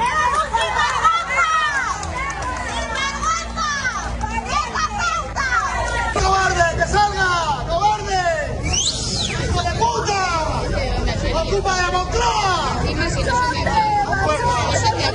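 A large crowd shouts and jeers insults continuously at the Spanish president of the government in Noblejas, Toledo, during his visit to an industrial complex, many voices overlapping into a loud, hostile clamor of yelled phrases that rises and falls without pause for the whole stretch.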